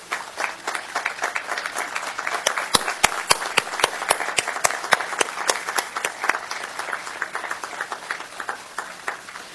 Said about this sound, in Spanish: Este año decidimos dedicar estos actos a los miembros del Scouting America, que tanto aportan a nuestra sociedad, y les pido un fuerte aplauso para ellos y que se pongan de pie.